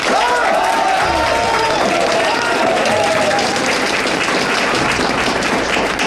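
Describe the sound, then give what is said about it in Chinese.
An audience applauds ten members of the Beixun team who won second place in a team competition: steady clapping for about six seconds, a dense, even wash of loud applause with a few faint voices rising through it near the start. “我代表北巡之队，感谢大家，鼓掌。”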